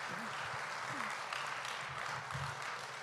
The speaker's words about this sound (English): Dale un Amen. Aplauso a Cristo. Aleluya. Give a round of applause to Christ.